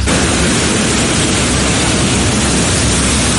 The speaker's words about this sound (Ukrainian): Коли йде така злива, вона ж збиває достатньо сильно.